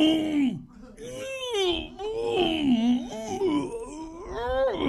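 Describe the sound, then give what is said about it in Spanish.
A voice imitates a ghostly wailing moan, long and unbroken, its pitch sliding up and down in eerie swoops and quavers for about five seconds, steady and fairly loud throughout. “Y dijo el paisano, la fantasma, clavado.”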